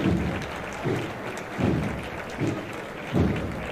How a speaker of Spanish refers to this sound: Recibiendo el aplauso ahora a los costaleros y dispuestos ya también pues a escuchar a la banda de cornetas y tambores de nuestro Padre Jesús Nazareno del Aral, que es la que acompaña este misterio del Miércoles Santo de Arcos de la Frontera.